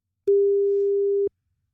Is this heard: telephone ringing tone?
yes